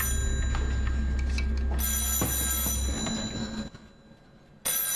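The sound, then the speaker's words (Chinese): A telephone bell rings loudly in a long, rattling burst, falls silent briefly, then starts ringing again over a low background rumble, with no one speaking. “电话拿过来。”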